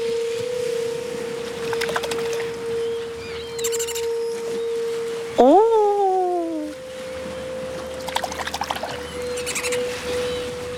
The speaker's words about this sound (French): Doudou, tu entends le chant des sirènes ?